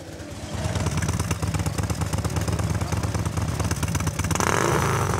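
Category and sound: vehicle, harley-Davidson motorcycle engine running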